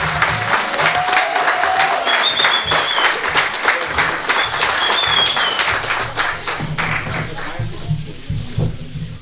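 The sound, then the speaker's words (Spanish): A crowd applauds steadily for several seconds at the presentation of a concert, dense overlapping claps at a loud, even level that gradually thins toward the end, with faint murmuring beneath. “Un aplauso más grande para Francisco.”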